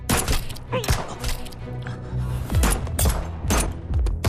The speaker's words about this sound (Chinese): 两天后，我的车队回到修州城，刚行驶在乌油江边的宽阔马路上，行人中忽然有人冲出来朝我的座驾连发数枪。